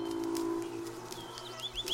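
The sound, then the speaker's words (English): Birds sing outdoors in spring, with quick rising chirps and tweets repeating toward the end over a low, steady cooing hum. The calls sound fairly soft, with no voices. “It is spring. The birds have been in full song.”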